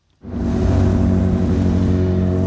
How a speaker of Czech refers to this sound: Před historickou budovou hlavního nádraží zpomalují auta a pomocí zipování se plynule řadí do 2 pruhů.